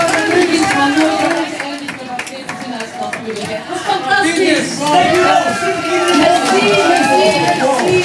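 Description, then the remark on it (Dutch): A large crowd at a Radio 2 West-Vlaanderen broadcast claps and cheers loudly and steadily for a performer, over a dense wash of many overlapping voices, sustained for the whole stretch without pause. “En ondertussen applaus”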